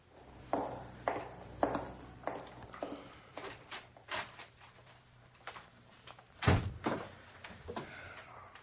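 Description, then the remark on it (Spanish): A door opens and closes: a run of clicks, bumps and shuffling knocks, then one loud, heavy thud as it shuts, followed by a few softer taps. No one speaks. “Sales por esa puerta, que ahí nos aguardan tantito, ¿eh?”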